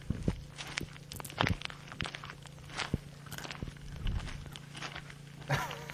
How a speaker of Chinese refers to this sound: 太有规律了，不像咀嚼声。 我觉得是脚步声， 我也觉得是脚步声， 但不是白沙湖的脚步声。哦， 我觉得这个沉稳的脚步声就是我走出来的。